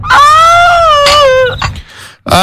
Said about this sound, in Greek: Αχ, κλάμα και ο δειρμός.